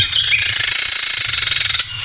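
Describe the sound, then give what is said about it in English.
A Carolina wren gives an agitated call: a harsh, buzzy rattling chatter held for nearly two seconds, loud, with no voices present. “That is a Carolina Wren as well. Yeah, that is the same bird.”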